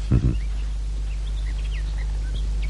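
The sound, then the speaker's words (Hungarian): Faint bird chirps scatter sparsely across a quiet room hum, with a brief low thump at the very start and no voices. “A madarak csicseregnek.”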